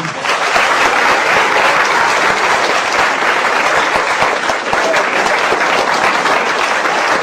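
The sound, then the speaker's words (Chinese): An audience at a crosstalk comedy performance claps steadily for several seconds to encourage volunteers from the audience, a dense, even wash of many hands with no gaps and no voices rising above it. “大家给点掌”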